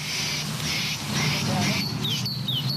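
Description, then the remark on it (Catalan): Birds call in the Parc de la Ciutadella, a city park in Barcelona, with repeated bursts of high chirping followed by quick, thin tweets. A low murmur of voices and urban background noise runs steadily underneath. “Allà, això són els ocells.”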